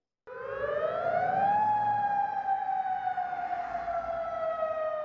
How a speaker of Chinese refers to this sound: 约旦首都安曼晚上也响起防空警报，警告民众，相信是伊朗导弹穿越领空飞往以色列。